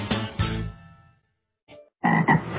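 A frog croaks loudly and raspily: one long rolling croak that trails off, a brief quiet croak, then a final burst of two croaks. No voices.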